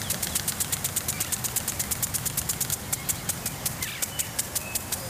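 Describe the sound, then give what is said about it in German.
A lawn sprinkler ticks rapidly and steadily outdoors, a regular stream of sharp clicks around five per second, with faint birdsong and a low background rumble behind it. “Ein Wassersprenger.”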